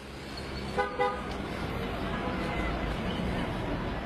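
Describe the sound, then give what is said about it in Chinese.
Steady, congested street traffic rumbles throughout, with a couple of short car horn honks near the start, before the traffic noise carries on alone. “苗振监视的目标似乎知道有人在跟踪，专往车流拥挤的地方穿马路”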